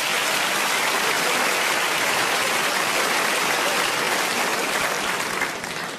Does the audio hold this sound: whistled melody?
no